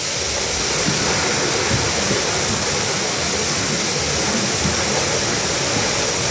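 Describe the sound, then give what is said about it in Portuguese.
A continuous, loud roar of rushing floodwater during torrential rain and strong wind in Marvão, Alto Alentejo, a dense hissing wash with a churning low rumble underneath, unbroken for the whole stretch and with no voices. “Chuva torrencial e muito vento, como mostram as imagens partilhadas por moradores nas redes sociais.”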